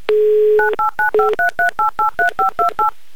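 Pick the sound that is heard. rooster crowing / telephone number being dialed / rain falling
telephone number being dialed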